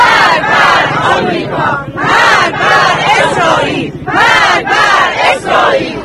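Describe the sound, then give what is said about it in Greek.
A large crowd in a street procession in Iran shouts slogans against the United States and Israel in unison, loud rhythmic bursts of massed voices rising and falling about every second, with a constant roar of crowd noise beneath. “Και φωτογραφίες του Χαμενεΐ ξεχωρίζουν όμως και τα συνθήματα κατά Ηνωμένων Πολιτειών και Ισραήλ.”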